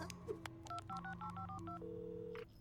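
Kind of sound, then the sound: signal or alarm, telephone number being dialed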